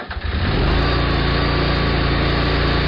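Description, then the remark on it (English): A Bad Boy tractor engine sputters to life and settles into a steady, loud rumbling drone that holds for the rest of the few seconds, with no voices. “Others climb on a bad boy tractor and handle it.”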